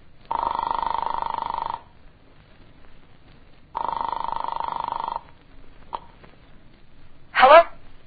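A telephone rings twice down a phone line after a call is dialed from a farmer's house to an apartment, each long buzzing tone lasting over a second with a pause between, followed by a click and a brief burst of sound as the line is picked up.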